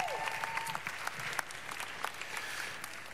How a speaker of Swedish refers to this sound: Varsågod och sätt mig en applåd.